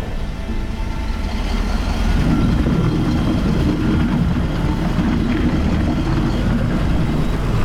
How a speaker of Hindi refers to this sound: समय मेरे दिमाग में ये चीज चली कि मैं इस रोड में अभी तो खाली गाड़ी लेके लोडिंग को जा रही हूँ, लोड गाड़ी को मैं इसके ऊपर कैसे चलाऊंगी,